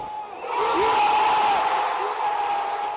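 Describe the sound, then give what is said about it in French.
A large crowd of Moroccan football supporters erupts in loud, sustained cheering and shouting after a penalty shootout win, a dense roar of voices with a few higher whoops rising above it throughout. “Mais le suspense se prolonge jusqu'à la fin des tirs au but et met les nerfs des supporters à vif.”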